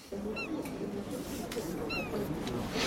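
A seagull gives two short, high, mewing cries about a second and a half apart on the quays of Nyon, heard over a steady murmur of a crowd's voices.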